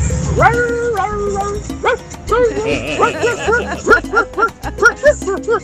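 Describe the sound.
A caller on the radio show Conexión Z imitates a dog, letting out a long run of quick, yelping barks that speed up into a steady rhythmic series, fairly loud, with no other talking.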